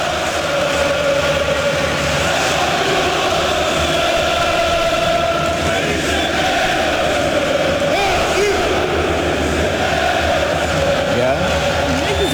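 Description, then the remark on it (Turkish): A dense, roaring crowd of Galatasaray football fans in the stands sings a chant together, voices blending into a steady loud mass with a droning melodic line running throughout. “Galatasaray şey şarkıyı ünlü yapan Galatasaray evet tribünü.”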